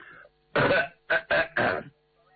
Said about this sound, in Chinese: 张作霖听完这话之后，把眼前的酒杯一推，咳嗽了两声。